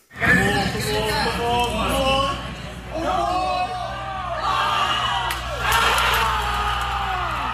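A large crowd of New York Knicks fans screams and cheers at JFK Airport Terminal 8, celebrating the Knicks' record NBA Finals comeback over the San Antonio Spurs; overlapping shrieks and whoops rise and fall in waves over a steady low rumble, loud throughout.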